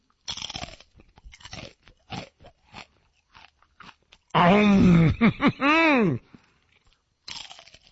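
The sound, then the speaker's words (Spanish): Crisp Takis chips are bitten with a string of sharp, dry crunches, followed by a loud, drawn-out vocal groan that swoops up and down in pitch, then one more burst of crunching. “Y canalizan toda esa energía en cada mordida, así.”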